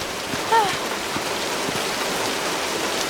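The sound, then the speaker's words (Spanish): Steady rain hisses continuously across the whole stretch, a dense, even wash of falling water with no pauses, and a brief high squeak rises early on. “Llevo horas bajo la lluvia.”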